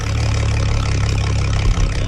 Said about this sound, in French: Tout ce qu'on peut entendre, c'est le ronronnement du moteur. Excepté, à un moment donné, qu'il y a des oiseaux, des goélands, des huards qui viennent changer le silence là, de toute cette étendue-là.